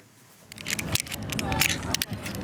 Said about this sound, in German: Eine Kletterwand, außen an einem Sportkomplex in Holon, südlich von Tel Aviv. Karabiner klicken, Männer und Frauen knüpfen Achterknoten. Sie reiben sich die Hände mit Kreide ein, um an der Wand nicht abzurutschen.